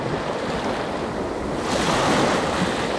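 wind and ocean waves

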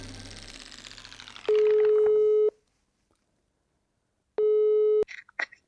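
telephone line tone

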